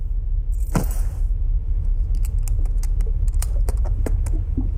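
Keys jangle and click as one is tried in a small suitcase lock, a run of light metallic taps and scrapes, with a brief rustle at the start and no voices.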